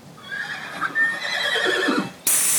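horse neighing

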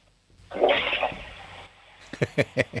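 toilet flush

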